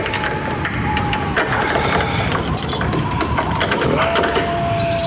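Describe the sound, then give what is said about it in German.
A door lock on an ornately decorated door at the top of an outside staircase is worked open with a series of sharp mechanical clicks and ratcheting scrapes over a steady low rumble, with a faint thin tone running throughout. “Er führte mich langsam die Freitreppe empor und schloss oben eine kunstreich verzierte Tür auf.”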